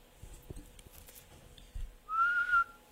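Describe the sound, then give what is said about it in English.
A single short, shrill human whistle, a steady piercing note lasting about half a second, fairly loud, after a few soft low thumps and rustles. “And now, while the whole assembly, the apes included, were convulsed with laughter, the jester suddenly uttered a shrill whistle.”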